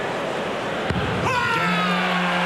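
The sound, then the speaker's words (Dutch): A single sharp thud of a dart, thrown by Price at double 12 in a darts match against Van Veen, striking the dartboard cuts through steady background noise, followed by a swelling wash of sound with sustained tonal hums. “Die kiest voor één zekere pijl op de dubbel.”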